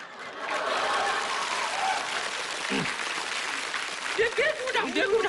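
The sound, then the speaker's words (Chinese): A crowd bursts into sustained applause, a dense wash of clapping that holds steady for several seconds, with a few voices and laughs rising near the end. “别鼓掌，别鼓掌！”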